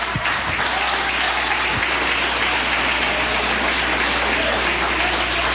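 An audience applauds steadily, a dense, continuous wash of many hands clapping at an even loudness with no pauses, sustained for the full stretch.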